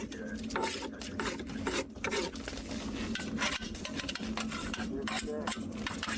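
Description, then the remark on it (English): Repeated gritty scraping of metal soup spoons scraping mud, brought up in a crane's jaws, into buckets, coming in quick irregular strokes with soft clinks and rasping between them, steady and moderately loud with no voices. “As the crane comes up, the jaws open, and the mud is scraped out with soup spoons into buckets and then transferred into sifting boxes where it's sprayed with water to reveal what's in it.”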